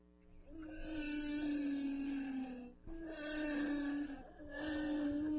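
Underwater humpback whale song: three long, loud, moaning calls with a wavering, sliding pitch follow one another with brief gaps, rich in overtones and sounding close, with no voices present.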